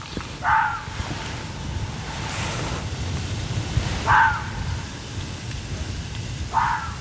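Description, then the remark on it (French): A fox calls at night, at almost 1 a.m.: three short, harsh yelps spaced a few seconds apart, standing out over a steady wash of wind-like noise. “Ça, c'est le renard.”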